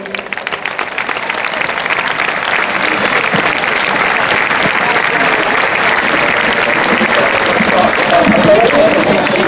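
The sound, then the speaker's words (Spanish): Loud, sustained audience applause for the mariachi band, a dense wash of many hands clapping that builds slightly and holds steady for the whole stretch, with faint crowd voices mixed in. “Con todos vosotros, y demos un fuerte aplauso al grupo ….”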